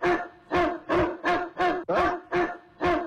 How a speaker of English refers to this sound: The dog, why are they not crying? They are not barking. Why? They just bark twice.